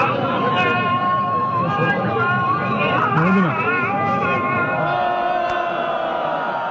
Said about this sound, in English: Those are protesters booing the call to prayer minutes before two people accused of treason are hanged on July 28th in a main square in Isfahan in central Iran. In a video posted online, they shout shame, shame at the executioners.